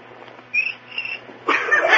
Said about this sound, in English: had a cricket with rhythm. Oh, that was just a coincidence.